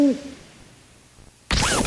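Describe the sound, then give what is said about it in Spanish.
A single short, hollow owl hoot sounds at the start, followed by a quiet pause and then a sudden loud burst of bright music, in a radio advertisement for Óptica OLAP. “Gracias, señor búho.”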